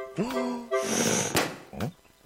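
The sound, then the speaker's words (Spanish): Growly vocal noises and a long, breathy rush of blowing air lead up to a single sharp balloon pop, followed by another short growling sound. “explotó porque era demasiado grande y fuerte.”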